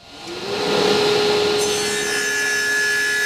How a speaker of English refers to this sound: The sawdust is flying in the Makerspace wood shop when I visit on a Tuesday afternoon.